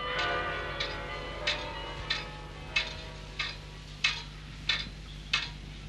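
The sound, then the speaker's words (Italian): Ringing carillon bell tones hang and slowly fade while a pendulum clock in the study of Professor Brugmans, rector of the institution, ticks through them, about nine crisp ticks at an even, unhurried pace, clear. “Le note del Carillon cedono il posto alle pulsazioni misurate di un orologio a pendolo nello studio del professor Brugmans, rettore di questa singolare istituzione.”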